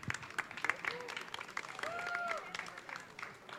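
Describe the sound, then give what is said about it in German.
A crowd applauds steadily, a dense patter of many hands clapping at moderate volume, with a few whistles and scattered voices rising over the clapping. “Mein Gott, dafür mal einen kräftigen Applaus, bitte.”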